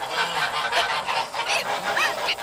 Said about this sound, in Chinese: 坏大鹅，看我不抓你！坏大鹅，你叫！叫你叫，就撒手，叫那些小鹅仔住嘴！